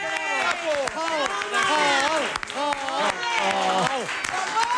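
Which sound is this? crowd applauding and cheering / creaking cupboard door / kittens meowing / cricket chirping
crowd applauding and cheering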